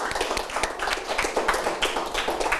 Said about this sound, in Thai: โอเคถูกต้องครับนักเรียนปรบมือเพื่อนด้วยนะครับ